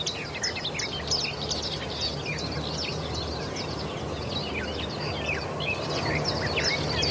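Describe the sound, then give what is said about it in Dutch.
Several garden warblers sing from low willows in morning sun, a fast, continuous babbling warble between a blackbird and a blackcap, like a hurried blackbird, over a steady low background rumble, with no one speaking. “En de zang wordt ook wel omschreven als een snelle variant van de merel.”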